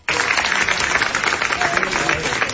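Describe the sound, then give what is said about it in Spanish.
A crowd applauds Diego Luna steadily, with Gael García and Alfonso among those clapping, in an ovation of about five minutes: a dense, continuous wash of many hands clapping at an even loudness throughout, with faint voices mixed into the noise. “Son aplausos de Gael y de Alfonso, y bueno, compañía, todo can, ahí aplaudiendo a Orgullo Mexicano, Diego Luna, que de hecho es de Toluca, imagínate”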